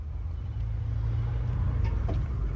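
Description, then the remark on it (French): A car engine rumbles low and steady as the vehicle pulls up on rue de Grenelle in Paris, with a couple of brief knocks near the end as a man gets out of the car. “Un homme descend de voiture rue de Grenelle, dans un quartier chic de Paris.”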